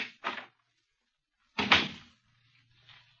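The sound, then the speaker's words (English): A door to the Black Museum on the lower ground floor of New Scotland Yard opens with a quick click and rattle, then a heavier creaking, scraping swing about a second later, followed by a faint low hum and soft shuffling. “Behind this door...”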